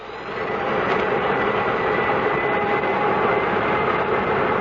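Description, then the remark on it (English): A broad, steady engine roar swells up over the first second, then holds loud and constant: the aircraft engines of Transways flight K-Flight 113 spooling up as the captain starts them with ground control's permission. No voices. “Request permission to start engines. You have permission, Captain. Hit them”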